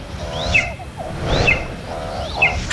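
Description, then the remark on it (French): An eagle calls three times as it leaves, at a steady pace, each cry a sharp, high, thin whistle sliding downward, moderately loud over a soft background hiss. “Ah, enfin, l'aigle repart. Il a raté son coup.”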